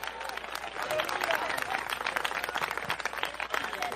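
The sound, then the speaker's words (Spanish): Loud, dense applause from a crowd for a man, many hands clapping steadily and continuously with a bright crackling texture, sustained throughout without a break. “de fuertes aplausos ya para el señor.”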